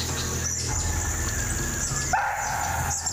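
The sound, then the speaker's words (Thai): A barking deer (muntjac) gives a sharp alarm bark partway through at a forest salt lick, signalling a tiger's approach, over a constant hum of forest insects and faint bird calls. “อาการที่เก้งร้องกวางถอยออกจากโป่งกระรอกส่งเสียงการมาของเสือเป็นที่รับรู้”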